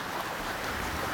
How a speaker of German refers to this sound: Wo sind wir? Auf einem Schiff mitten im Meer.